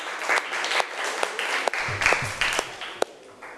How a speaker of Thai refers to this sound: ถ้าพร้อมแล้วเชิญตัวแทนนักเรียนได้เลยค่ะกลุ่มที่5ขอเสียงปรบมือให้เพื่อนหน่อยค่ะ